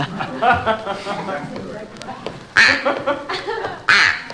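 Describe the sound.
A duck call instrument is played, quacking in a run of raspy, nasal honks, loud, with two especially sharp bursts near the end amid background voices.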